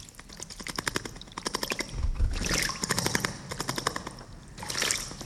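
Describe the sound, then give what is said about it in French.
A small bird bathing, heard as a window is opened, with rapid bursts of fluttering splashes in shallow water, several quick spattering runs separated by brief pauses and light dripping. “Ça, c'est un oiseau qui se lave.”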